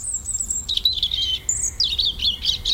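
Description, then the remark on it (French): A European robin sings a clear, high warbling phrase, with thin sweet notes that rise, dip and trill continuously for a few seconds over a quiet low rumble. “Non, crie le rouge-gorge.”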